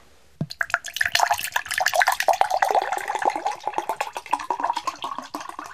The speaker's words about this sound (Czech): Tak, budeme potřebovat skleničku, do které nalijeme přibližně 2 deci vody.